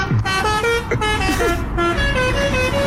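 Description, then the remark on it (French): A loud car horn blares a tune of sustained, pitch-changing notes, one after another for several seconds, over a low rumble of road traffic, as an example of forbidden, improper horn use. “Utiliser un avertisseur sonore de manière intempestive ou les klaxons interdits.”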